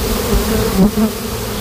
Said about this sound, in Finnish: Surinaa ja pörinää täällä Ruissalon kasvitieteellisen puutarhan reunamilla on. Täällä on vuoden mehiläistarha